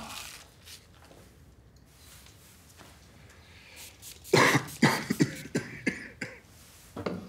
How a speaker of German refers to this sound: Haben Sie den Husten schon länger? Na was, ich bin nur ein bisschen belegt.